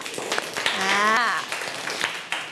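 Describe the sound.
A short burst of scattered applause from a group of children, with sharp uneven claps throughout, while an excited voice rises in pitch over the clapping in the middle.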